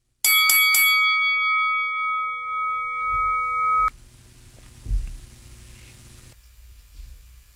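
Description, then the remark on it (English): A boxing ring bell clangs three quick times, then rings out loud and steady for a few seconds before stopping abruptly, leaving a low background rumble and a dull thump. “Oh, we got the bell.”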